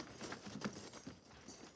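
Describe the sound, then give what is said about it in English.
The hooves of a mounted soldiers' detail's horses shuffle and clop irregularly on the ground as the detail halts and dismounts. A soft patter of steps with no voices, fairly quiet and continuous across the moment. “Detail, dismount. Stand to your horses.”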